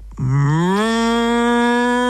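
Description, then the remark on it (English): A voice imitates a vacuum cleaner with one loud, buzzy drone that swoops upward in pitch, then holds a steady hum for about two seconds. “That's not a motorbike. That's just a really bad impersonation of the vacuum.”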